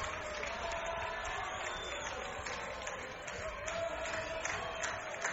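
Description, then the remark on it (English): A large baseball crowd at a Racers game roars steadily in the bottom of the seventh inning, with the go-ahead run at the plate. It is a dense wash of many voices and noise that holds at a fairly even level throughout, with small swells but no single voice standing out. “Listen to this crowd.”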